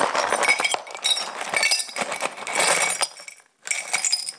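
Small broken glass shards, picked up with gloves, clink and clatter into an old jam jar in several bursts, a bright, jangly rattle with brief pauses between handfuls and no one talking.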